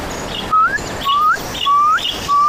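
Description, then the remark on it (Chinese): A bird repeats a sharp, rising whistled call four times in quick, steady succession at night, each note clear, with no voices and only a soft background hiss. “一阵急促的鸟鸣打破了夜晚的幽深。”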